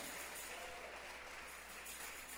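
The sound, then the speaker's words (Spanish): An audience at a Spanish-language church service applauds for the King (God) steadily, a dense wash of many hands clapping at once that holds an even level for the whole stretch, with no voices rising above it. “Fuerte ese aplauso al Rey.”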